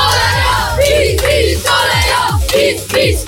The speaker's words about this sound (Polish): Czy to jest młodzieżówka PiSu? Bo dzieci krzyczą PiS.